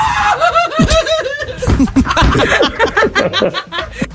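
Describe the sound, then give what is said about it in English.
A person screaming while trying to take a fish off a hook, in a series of loud, high-pitched squeals and yelps, the cries rising and falling in pitch and breaking into rapid, choppy bursts toward the end. “Here's audio of me. This is real. Of me screaming, trying to take a fish off a hook one time.”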